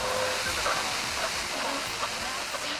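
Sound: rain falling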